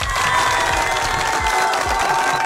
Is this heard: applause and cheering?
yes